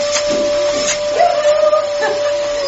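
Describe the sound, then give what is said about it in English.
A vacuum cleaner (hoover) runs loudly, its steady motor whine holding one pitch over a rushing, airy roar for the whole stretch, with a few brief bumps and surges. “Right, well, I'll just hoover loudly.”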